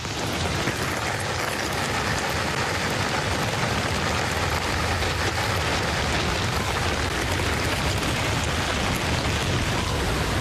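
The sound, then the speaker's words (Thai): Steady rain begins to fall as a storm approaches at a cliffside fossil dig, a dense, even hiss of countless drops that holds constant throughout, fairly loud with no voices. “ที่แย่กว่านั้นพายุก็กำลังมา ฝนเพิ่งเริ่มตกครับผมว่าพวกเราต้องหนีแล้วล่ะ”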